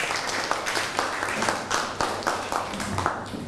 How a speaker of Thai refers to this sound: นั่งลงครับปรบมือให้เพื่อนหน่อย